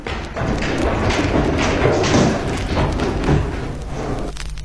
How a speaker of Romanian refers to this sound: Uite, capacul se închide. Submarinul se scufundă.